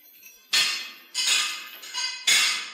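Hammers and crowbars clang against metal, four sharp ringing strikes spaced unevenly, each leaving a bright, shimmering decay. Loud and fairly close, with no voices.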